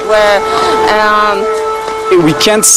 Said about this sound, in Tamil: இப்போது சைரன் ஒலி கேட்கிறது.